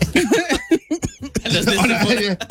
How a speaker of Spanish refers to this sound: Todavía tengo tos, ¿eh?